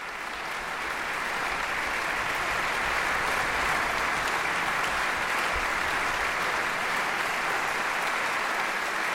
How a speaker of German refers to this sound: Applaus für die NDR Radio Philharmonie und ihren Chefdirigenten Stanislav Kuchanowski. Sie sind bei NDR Kultur mit dem Konzert vom gestrigen Abend aus dem großen Sendesaal des NDR Konzerthauses in Hannover.